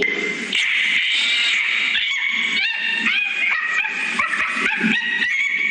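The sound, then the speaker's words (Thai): A monkey with its hand stuck in a bamboo tube screeches and cries out in loud, shrill, wavering calls that go on nonstop for several seconds, frantic, with no one talking. “มันก็พยายามจะดึงมือออกจากกระบอกไม้ไผ่แต่มันดึงออกเท่าไหร่ก็ไม่ออกทีนี้เจ้าลิงมันก็ร้องโวยวายสิ”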